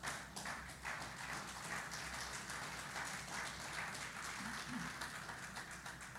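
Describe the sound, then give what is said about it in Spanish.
A crowd applauds the Lord steadily, dense overlapping claps forming a continuous wash of sound that holds at an even, fairly loud level for the whole stretch. “Creo que usted iba a darle un fuerte aplauso al Señor.”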